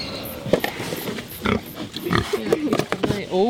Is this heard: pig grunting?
yes